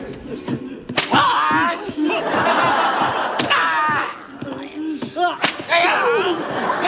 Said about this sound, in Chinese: 嘴还挺硬，上鞭子。